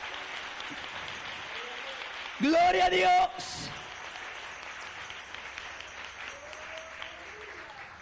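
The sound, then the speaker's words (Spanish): A church audience applauds the King (Christ) steadily for the full stretch, a dense, even wash of clapping, while one voice shouts out loudly partway through. “Dale un aplauso al Rey.”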